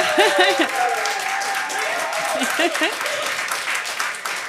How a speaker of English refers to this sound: What nice applause.